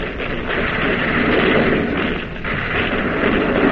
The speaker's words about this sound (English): Now the main battery of the Boise is pumping shells at a second jet cruiser.